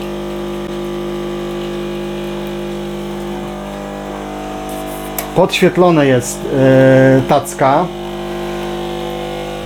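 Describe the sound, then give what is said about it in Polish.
An automatic coffee machine brews a flat white with a steady, even humming drone of its pump running throughout, while a voice speaks briefly over it partway through. “O, no teraz flat white, parzenie kawy 1%.”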